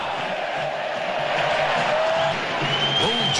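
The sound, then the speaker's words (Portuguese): A loud, steady roar from a large stadium crowd of about 35,000 football fans at Allianz Parque during Palmeiras versus Júnior Barranquilla, with dense overlapping voices, scattered whistles and cheers rising briefly, and no pauses. “É que o som da torcida estava muito alto e a gente não conseguia ouvir você ao fundo.”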